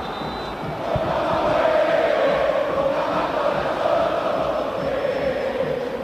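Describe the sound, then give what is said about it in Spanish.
A huge crowd of River fans at the Monumental stadium chants in unison during a football match, a loud, steady roar of massed voices that swells in after a second and holds strong, with a sustained sung tone running through it. “Escucha, escucha el Monumental cómo está”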